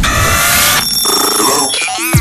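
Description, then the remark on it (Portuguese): A loud telephone ring with a bright, metallic, bell-like tone fills the opening, then shifts into changing electronic tones and quick rising chirps. No one speaks. “Vamos ao telefone, mais uma vez.”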